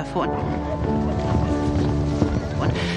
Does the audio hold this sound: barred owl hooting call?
no